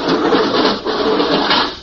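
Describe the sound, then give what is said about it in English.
The heavy outer hatch door of a lock grinds open with a steady, rough mechanical scraping that stays loud for about two seconds, with no voices. “There goes the outer door.”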